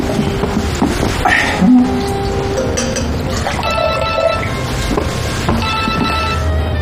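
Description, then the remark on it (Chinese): A telephone rings with a bright, tonal electronic ringtone that repeats over several seconds, heard over a busy, clattering background in a restaurant. “你们不能重复打电话好吗？”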